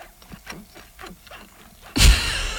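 Someone in a studio chewing halloumi cheese, which squeaks against the teeth in a quick, irregular series of short, rubbery squeaks, followed by a sudden loud burst of harsh, hissing noise at the end.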